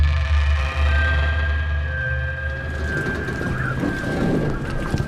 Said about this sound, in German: Auf Helgoland ist heute ein windiger Tag.